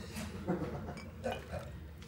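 Ice cubes clink into a glass several times at an uneven pace, bright little knocks over a low, steady background hum, as ice is put into a drink first.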